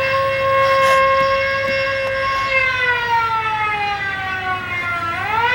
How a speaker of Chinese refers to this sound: 警报！快拉警报！